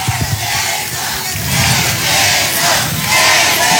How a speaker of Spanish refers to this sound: ¡Y el aplauso!